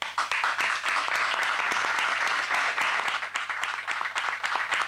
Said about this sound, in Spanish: Bueno, yo te aplaudo.